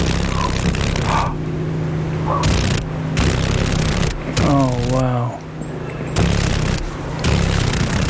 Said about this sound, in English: Oh, you got a dragonfly. Look at that. Oh my gosh. This is a female paddle-tailed darner, and it's one of seven mosaic darners that are found in Alaska. Oh, can you hear the vibration? Those wings are vibrating pretty rapidly.